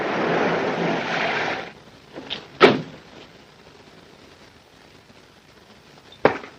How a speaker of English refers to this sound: She pulls up a seat cushion, unfolds a scarf to drop a gun, pushes down the seat cushion.